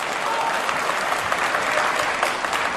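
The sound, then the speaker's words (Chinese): A large audience at a stage performance claps steadily at the performer's request, a dense, even wash of many hands applauding at full strength throughout, with no voices standing out. “各位别客气，您都是见证人，再鼓鼓掌，喊他喊他，我们懂得要脸。”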